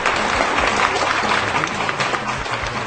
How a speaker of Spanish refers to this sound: Un saludo y un aplauso para ustedes. Así como aplauden las tortillas.